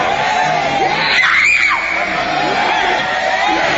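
A church audience shouts and screams together during a service casting out a demon, a loud, sustained roar, many voices overlapping with high-pitched cries rising and falling throughout.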